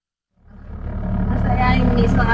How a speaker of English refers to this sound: I'm in the car with my parents. I drift away into the back seat as the car muffles out their words. But this is how I always hear them. They're speaking my family's dialect, Kamapangan, also known as breastfed language.